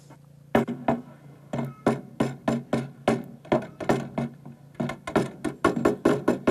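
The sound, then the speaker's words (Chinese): Someone pounds on a wooden door in an old town with a long run of heavy, rapid thuds, about twenty blows grouped in uneven bursts with short pauses between them. No voices are heard. “小哥就砸他门，哎，兄弟，你的能？”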